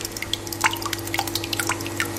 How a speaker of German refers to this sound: Joghurt hast du selbst gemacht, ne, aus der eigenen Milch, genau. Also nicht aus dem Supermarkt gekauft, hat die ja gerade abgemessen und reingeschüttet, hör mal, was passiert ist.